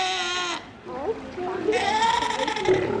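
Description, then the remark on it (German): Two young South American sea lions, recently born at Tiergarten Schönbrunn zoo in Vienna, cry out in loud, wavering, goat-like bleats, several calls following one another, with faint watery noise underneath. “Ziegen sind es jedenfalls keine, sondern Mähnenrobben, ja, die schreien so.”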